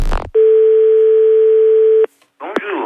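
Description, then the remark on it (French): A steady single-pitched answering machine beep holds for nearly two seconds at full loudness, cut off abruptly; brief voice sounds come just before it and a burst of speech follows after a short silence. “De me laisser votre message. Allô. Le bip sonore.”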